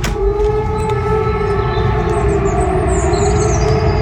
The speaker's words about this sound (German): Oder safe hast du das auch irgendwo draußen gehört. Da gingen ja Sirenen dann los. Das klang dann so.